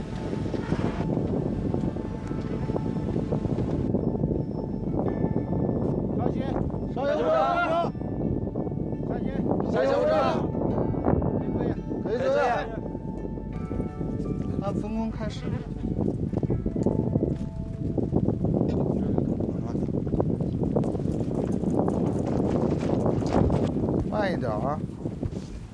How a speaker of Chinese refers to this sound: 打开桥梁安全通道门，逐级登上百步阶梯。随着高度的上升，耳边只剩呼啸的风声和队员们急促的喘息声。